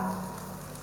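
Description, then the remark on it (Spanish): A brief burst of crowd applause for the federations of the Trópico de Cochabamba, a dense, steady crackle of many hands clapping at once with no pauses or voices standing out. “Ya estamos, pero vamos a completar los aplausos.”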